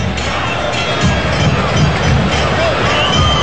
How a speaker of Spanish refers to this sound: toca y toca de primera la selección argentina y vuelve a comenzar con Martínez para el Cuti Romero. Aplausos en Kansas.